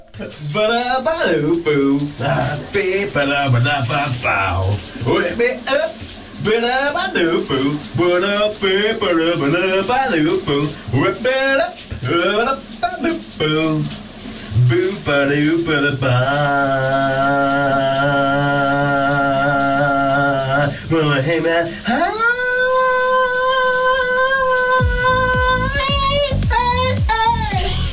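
A man sings loudly and somewhat strained under a running shower, his wavering melody giving way to long held notes near the end, all over a steady hiss of spraying water.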